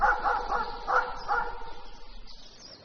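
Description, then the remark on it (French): Pistolet, the house dog, a small dog, yaps in a quick burst of several barks, then a couple more spaced out, thin-sounding, before fading into a quiet background. “accompagné d'Hippolyte Chatiron, le demi-frère de Georges, et de Pistolet, le chien de la maison.”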